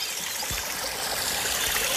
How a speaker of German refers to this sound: Ja, jetzt setzen wir uns noch kurz an einen Bach im Schwarzwald im Turmbachtal.